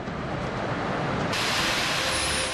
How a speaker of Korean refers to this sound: 바로 여기가 반지옥 폭포입니다. 아니 근데 이게 웬일인가요? 가까이 가기도 전에 굉음 같은 물소리와 사납게 쏟아지는 물살에 발길을 멈칫하게 되는데요.